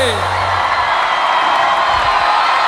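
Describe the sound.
Loud, sustained crowd applause for a person, mixed with cheering and whoops, a dense continuous roar of clapping and voices that holds steady for the whole few seconds.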